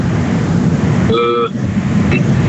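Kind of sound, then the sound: vehicle, loud street traffic noise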